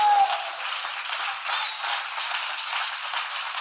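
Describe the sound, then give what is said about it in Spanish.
An audience applauds God in a steady, dense wash of clapping that keeps up at an even level for several seconds, with no voices clearly rising above it. “En el nombre del Señor Jesucristo, den un aplauso al Dios que vive para siempre.”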